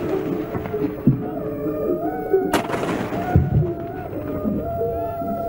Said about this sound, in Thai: ทหารบกทหารเรือยิงปืนใหญ่เฉลิมพระเกียรติฝ่ายละ21นัด